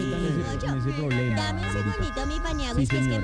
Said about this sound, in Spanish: es que imagínate que están timbrando. Y le dan al timbre. Se ensañaron con el timbre.